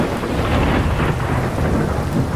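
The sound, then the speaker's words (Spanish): Steady, dense rain pours down with a deep, continuous rumble of thunder rolling underneath, a full thunderstorm loud throughout, with no voices. “Ay, ¡qué padre está la lluvia!”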